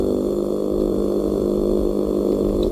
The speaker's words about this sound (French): Le maigre, dans le golfe de Gascogne, produit, lui, un grondement si puissant qu'on dirait un moteur de bateau.